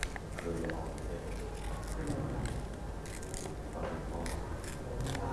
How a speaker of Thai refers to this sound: เด็กๆค่อยๆขยับมือนะคะในการฉีกกระดาษเลยค่ะเด็กๆนะคะสามารถฉีกนะคะตามความคิดหรือว่าตามจินตนาการของเด็กๆได้เลยค่ะฉีกแบบนี้นะคะค่อยๆขยับมือเห็นไหมคะ